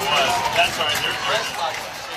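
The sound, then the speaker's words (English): A crowd stomps their feet on metal bleachers during the fourth quarter of a football game featuring the Elkhart Lions, making a steady, dense rumbling clatter that goes on without a break, mixed with loud crowd noise and cheering voices. “We got the crowd stomping in these bleachers.”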